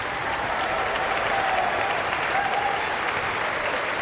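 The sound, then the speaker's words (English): A large audience in Marian Anderson Hall, on their feet after a Philadelphia Orchestra performance of Schumann conducted by Marin Alsop, applauds steadily, a dense, even wash of clapping with a few faint cheers and whistles rising through it, holding at the same loud level throughout. “Everyone in Marian Anderson Hall is on their feet and cheering this performance.”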